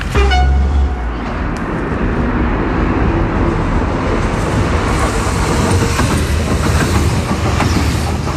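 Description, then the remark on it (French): A train rolls past on a railway track, loud and steady, its wheels clattering over the rails in a continuous rumble, with a brief horn-like tone at the start. “Après le passage du train,”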